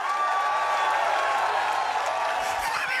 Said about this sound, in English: Yeah. I had the applause primed. I didn't think it was going to be that good.